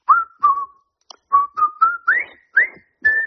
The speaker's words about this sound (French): Je vais vous siffler un air et vous allez devoir deviner le thème de ma musique. Attention, c'est parti.